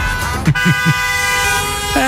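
Car horns honk in busy street traffic outside a school in Cologne, Germany, amid chaotic parent drop-off traffic with cars parking on the street; one long sustained blare is joined by a second horn near the end, with a few short low thuds and traffic noise underneath.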